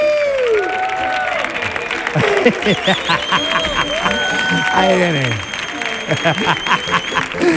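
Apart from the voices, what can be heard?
audience applause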